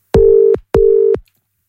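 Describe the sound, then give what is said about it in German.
Two short, steady electronic telephone tones sound back to back with a brief gap as an outgoing phone call is dialed and rings through on the line. They are clear and fairly loud, with no voices. “und ich hoffe, sie geht dran.”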